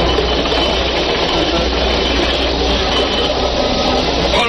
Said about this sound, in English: Hey, what's that noise out of the water, dead ahead, sir? It's a submarine.